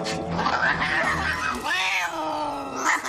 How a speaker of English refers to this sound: Wait, now you're beating up Helen's little tomcat.